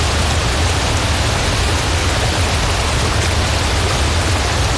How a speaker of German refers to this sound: An einem rauschenden Bergbach oder an einem stiebenden Wasserfall, da ist es schön kühl.